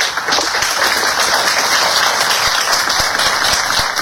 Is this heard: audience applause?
yes